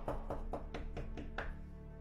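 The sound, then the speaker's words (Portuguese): Seven quick, evenly spaced, sharp knocks on a door, rapping in a steady rhythm with no voices. “Eu eis que estou à porta, batendo a porta.”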